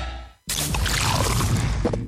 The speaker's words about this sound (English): That is the sound of the new 500ml Castle Light can, turning life light side up.